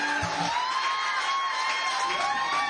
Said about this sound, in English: Give them another round of applause, man.